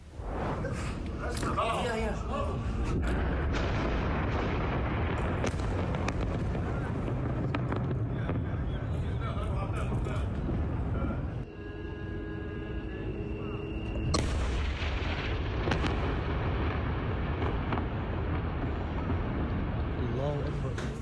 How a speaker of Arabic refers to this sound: شن الجيش الإسرائيلي غارتين على مدينة صور ومحيطها بعد ساعات من إنذار السكان بإخلاء مبنيين يستخدمهما حزب الله حسب البيان الإسرائيلي. وفاد مراسل العربية بسماع دوي انفجارين عنيفين أعقبهما تصاعد كثيف للدخان والنيران من الموقعين.